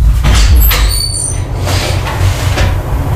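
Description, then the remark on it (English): A closet door is opened to look for a towel, with a thin, high-pitched squeak of the hinges early on, over a steady low rumble, followed by a few soft knocks and shuffles. No one speaks. “We'll go look in the closet.”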